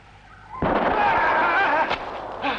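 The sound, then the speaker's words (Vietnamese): A sudden loud gunshot-like blast at about half a second, followed by a sustained noisy roar with rising tonal whine, then a sharp crack and another burst near the end. “Chắc mày quên là tao cũng có súng. Bây giờ thì đến lượt tao.”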